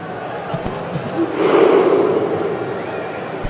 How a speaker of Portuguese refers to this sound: É a arquibancada dos Vikings. Os noruegueses fazem uma festa incrível no campo de jogo, remando, puxando, partindo para a guerra, e a Noruega vencendo por 3-1.